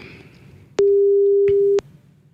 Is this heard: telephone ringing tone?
yes